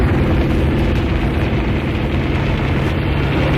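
Gunfire from several Vicanda government helicopters firing from the air at mercenaries, with explosions, merges into a loud, dense, unbroken roar with heavy low rumble, holding steady for the whole stretch with no voices.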